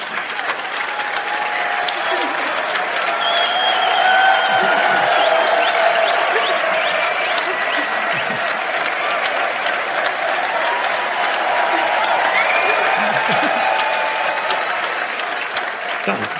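Sustained audience applause for a couple seeing each other for the first time, a dense, even wash of clapping that holds steady for the whole stretch, with occasional cheers and whistles rising above it.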